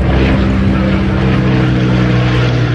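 A boat engine drones steadily as people evacuate by sea from a wildfire, a loud, even motor hum with a wash of water and wind noise running unbroken throughout.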